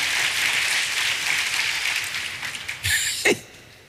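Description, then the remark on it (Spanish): A crowd applauds with steady, dense clapping that fills most of the moment, then thins out near the end with a couple of brief louder bursts. “denle un aplauso al Rey bendito”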